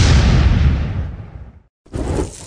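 A loud firework blast booms and rumbles away over more than a second, then after a short gap of silence a second burst erupts. No one speaks.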